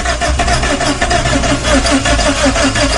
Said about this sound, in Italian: Ma non c'è la benzina. Ma non parte sta macchina, Come facciamo a uscire da qua se non parte la macchina?